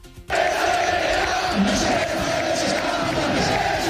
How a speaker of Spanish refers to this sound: Gritos contra el presidente del Rayo, fue el grito más repetido en la grada. La gente muy enfadada por el lamentable estado de las instalaciones de Vallecas, que tampoco parecen haber mejorado mucho.